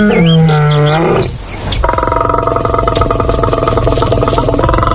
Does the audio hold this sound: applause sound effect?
no